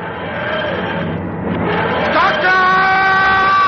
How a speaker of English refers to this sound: watch in awe as the TARDIS dematerializes.